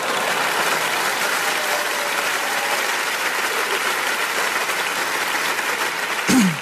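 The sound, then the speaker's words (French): A crowd claps steadily in dense, continuous applause that fills the whole stretch, with a brief sharp sound rising near the end. “Ouais, applaudis, ça me fait plaisir.”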